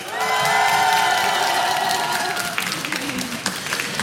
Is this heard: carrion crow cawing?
no